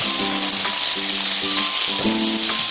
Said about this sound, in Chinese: 换锅之后开火热锅，放入少许的食用油，倒入虾仁煎炒一下。